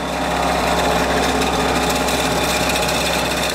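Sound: vibrating shaker machine running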